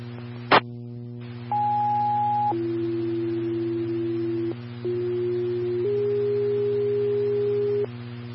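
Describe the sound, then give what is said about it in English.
A click, then a sequence of sustained pure electronic fire dispatch alert tones in Farmington, for Engine 2 and Medic 6 to a down subject on East Main Street: a higher pitch, a long lower one, then two more held notes over a steady low hum. “Farmington Engine 2, Medic 6, tones for down subject 3501 East Main Street, 2501 East Main.”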